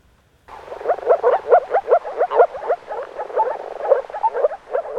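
A dense chorus of frogs croaking, with rapid, overlapping bubbling calls repeating steadily for several seconds after a brief silent start, moderately loud.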